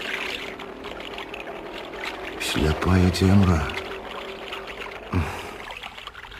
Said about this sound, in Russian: гаспадар лодкі з новым 25-сільным маторам.